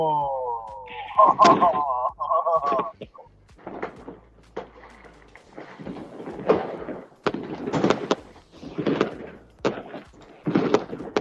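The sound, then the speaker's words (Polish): Fireworks explode in a rapid, irregular series of sharp booms and crackles, fairly loud, with a brief tonal horn-like sound at the start and faint crowd voices mixed in. “Fajnie, no mamy tutaj obraz, mamy fajerwerki, mamy kupę ludzi i tak fajnie, tak bratersko trochę”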